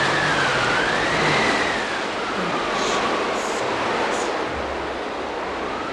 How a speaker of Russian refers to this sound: машина, подпираемая с обеих сторон руками рабочих, медленно покатила по уложенному двумя желобами настилу.